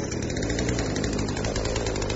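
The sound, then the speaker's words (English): A chainsaw brought for plumbing work runs steadily and loudly, a continuous buzzing snarl with a rough, rattling texture and no pauses or voices. “Harry! A chainsaw? Really, Harry?”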